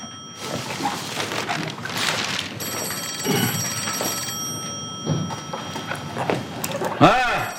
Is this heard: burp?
no